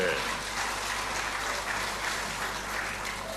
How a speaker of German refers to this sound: Ich glaube, ja, ein Applaus für die Dame hier vorne.